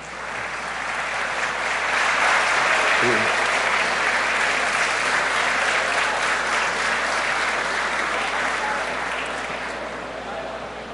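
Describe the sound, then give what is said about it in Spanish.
Sustained applause from a large crowd, a dense steady patter of many clapping hands that swells quickly, holds for several seconds, then gradually tapers off. The applause is especially for the workers standing at the back. “Gracias de corazón, pero quiero pedir un aplauso muy especial a los obreros que están allá atrás, presidente, que quiero que se pongan de pie.”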